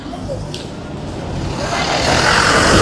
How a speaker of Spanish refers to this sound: Estamos en la intersección con la avenida 24 de Mayo para por este segundo día ya consecutivo. Estamos presentes para visualizar el funcionamiento y la distribución del tráfico vehicular que se genera aquí en esta mañana.